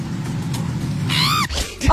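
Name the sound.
woman's screech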